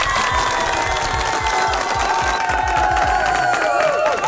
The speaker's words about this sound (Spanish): Muy bien, eso se merece un fuerte aplauso. Permítame ver producción. Aplauso para esta familia.